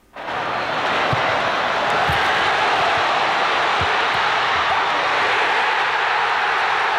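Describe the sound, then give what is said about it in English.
A huge stadium crowd of Scotland football fans roars and cheers in a dense, continuous wall of sound over Scotland's 1-0 World Cup win against Haiti in Boston, with a few dull thumps underneath and no single voice standing out. “Oh, just listen to that cheering.”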